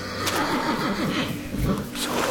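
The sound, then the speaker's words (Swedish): A horse named Fjallar neighs uneasily in a stable, its wavering, shaky whinny rising and falling over a steady backdrop of low noise, moderately loud. “Men din häst lät orolig.”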